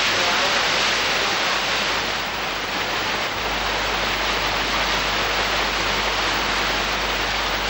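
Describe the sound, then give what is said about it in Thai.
A small stream, the source of the Nam Kha headwater of the Yom River, rushes steadily over rock layers deep in a mountain valley of Doi Phu Rang Ka, a continuous, even wash of water that stays loud without pause or change for the whole stretch. “ลึกลงไปในหุบเขาของยอดดอยภูรังกาคณะสำรวจได้พบกับธารน้ำเล็กๆอันเป็นที่มาของต้นน้ำคะก่อนจะขยายสายน้ำลงไปตามชั้นหินสู่เบื้องล่าง”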